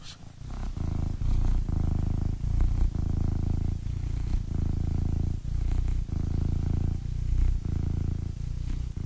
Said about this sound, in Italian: Un attimo solo, perché voglio far sentire il mio gatto come fa le fusa. Sentite un attimo, un attimo solo, eh.